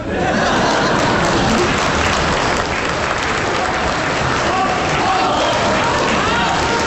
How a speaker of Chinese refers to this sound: 你还鼓掌呢？